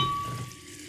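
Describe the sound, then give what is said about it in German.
A bottle of sparkling mineral water being opened, a steady fizzing hiss of bubbles that slowly fades over about a second, with no one talking. “Und dann öffne ich das Ganze und...”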